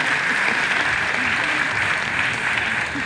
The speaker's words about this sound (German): Direkt danach brandet zum ersten Mal Applaus auf. Aus allen Ecken des Parks, in denen es sich die Menschen auf mitgebrachten Campingstühlen oder Picknickdecken gemütlich gemacht haben.